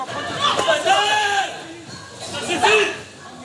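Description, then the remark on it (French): A rioting crowd of shoppers in a store at opening time on 2 July, each trying to leave with a fan or an air conditioner, shouts over one another, a dense wall of raised, overlapping voices with sharp cries and shrieks rising in two bursts. “Dès l'ouverture, l'émeute. Chacun tente de repartir avec un ventilateur ou un climatiseur.”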